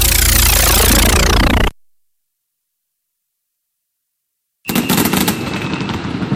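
Fireworks burst loudly in a dense, rapid crackle for under two seconds, then fall silent before a second stretch of sharp, fizzing pops and crackles resumes. No voices are heard.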